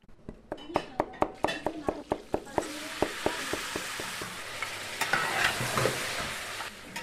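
food sizzling

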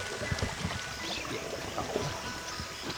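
flowing river water

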